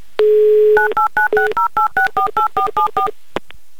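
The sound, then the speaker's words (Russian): A brief steady dial tone gives way to a rapid, evenly spaced run of about eleven touch-tone beeps as a phone number is dialed to call a radio contestant in Astrakhan, ending with a soft click. No voices. “Ну а тем временем я пока наберу ее номер телефона.”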